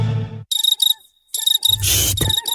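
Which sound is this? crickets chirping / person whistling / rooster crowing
crickets chirping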